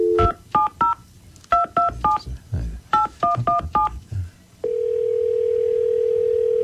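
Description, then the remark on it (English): A telephone number is dialed: about ten short touch-tone beeps in quick groups of two, three and five, followed by a steady, continuous tone that holds to the end. “Let's call her.”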